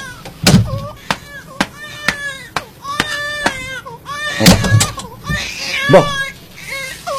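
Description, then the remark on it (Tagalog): A newborn baby, left swaddled at the front door of a house, cries in high, wavering wails that rise and fall, fairly loud, with several sharp knocks or thumps breaking in between the cries. “ano ba lang gagahod ngayon naman? Hibi isang bata?”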